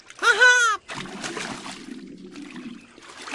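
A short, wavering high-pitched call gives way to penguins splashing into water, followed by steady, moderate sloshing and dribbling for a few seconds.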